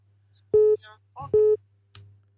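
A telephone line tone from callers ringing in to a bingo game sounds in two short, loud, evenly spaced beeps over a steady low electrical hum. A few brief, muffled vocal fragments come between them, then a faint click at the end.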